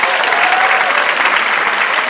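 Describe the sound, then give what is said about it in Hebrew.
A crowd claps steadily, dense overlapping applause at an even, fairly loud level throughout, with no voices rising above it. “איפה כפיים?”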